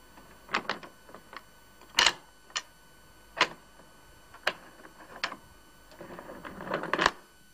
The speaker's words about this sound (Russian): Та же рука закрывает глазок и 6 замков на двери.